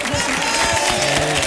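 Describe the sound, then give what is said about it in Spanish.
An audience applauds steadily, a dense, even wash of many hands clapping that holds at a constant loudness, with some voices and faint cheering mixed underneath. “Muy bien, fuerte el aplauso para Marlende.”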